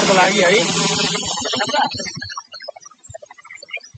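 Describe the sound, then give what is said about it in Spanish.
Helicopters flying in Nepal during search operations for people missing after deadly floods caused by a glacier collapse in the Himalaya, near the border with Tibet, heard as a loud, broad rushing roar with regular low thumping pulses for about two seconds, then fading to scattered faint clicks and rustles. “Sonido de los helicópteros en Nepal que continúan esas labores de búsqueda de los desaparecidos por estas riadas en la frontera con el Tíbet.”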